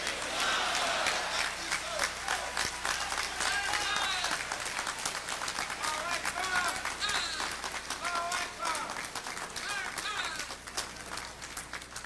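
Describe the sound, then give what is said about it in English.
A large audience applauds steadily for Minister Louis Farrakhan at a live event in Macon, dense clapping with a few cheers and shouts rising above it, sustained at full strength before easing slightly at the end. “Brothers and sisters, let us hear it one more time for the Honorable Minister Louis Farrakhan.”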